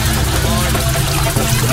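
A boat motor runs steadily with a loud, continuous low drone and a rough, throbbing hum that holds at an even level throughout.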